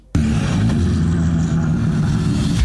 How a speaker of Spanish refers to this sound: Se encienden los motores en la radio oficial del Rally Mundial. Del 27 al 30 de agosto, Paraguay recibe al Campeonato Mundial de Rally